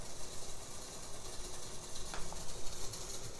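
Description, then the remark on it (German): A dense, continuous mechanical clatter of accordion key flaps from both hands, a busy rattling texture with no tone, steady in level with a few sharper clicks standing out. “Das ist jetzt hier dieser Tastenklapperteppich, ein Tutti-Tastenklapperteppich der linken und rechten Hand.”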